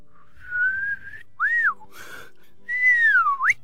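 A person whistles a short, bird-like phrase alone to call a nightingale: a long steady note, a couple of quick chirping notes, then a drawn-out falling tone that flicks sharply upward at the end. Clear.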